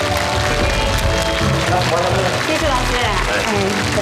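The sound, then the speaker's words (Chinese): Steady, dense clapping from an audience welcoming two guests on the TV program 'Jiyi' (Memory) fills the whole stretch at an even loudness, with voices and tonal sounds mixed in underneath. “咱们掌声欢迎”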